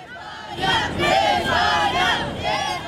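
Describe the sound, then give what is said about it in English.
A large crowd of fans cheers and chants loudly and continuously, welcoming the Argentina team back to Buenos Aires, many voices rising together in rhythmic shouts that fill the whole stretch without pause. “Despite the defeat and the incident, fans warmly welcomed the Argentina team back to Buenos Aires.”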